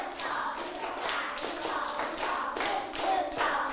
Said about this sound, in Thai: เอาใหม่ตั้งสติเด็กๆปลายทางด้วยนักเรียนชั้นป.3ปรบมือ1ชุด